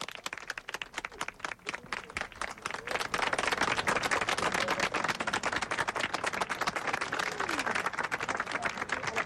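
Sustained applause from a large crowd at UNESCO as the Pope and the Director-General walk on, dense rapid clapping that holds steady and swells slightly louder partway through, continuing unbroken for the whole stretch.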